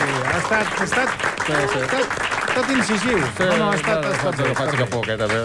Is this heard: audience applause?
yes